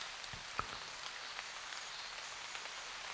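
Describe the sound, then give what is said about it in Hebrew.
Steady rain falls in a continuous hiss, with occasional sharper drops tapping, including drops falling on leaves. The sound is soft and even throughout, with no voices. “הנה הגשם.”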